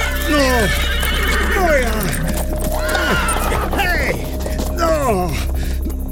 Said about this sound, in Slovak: Kone utekajú. Boja sa ísť ďalej.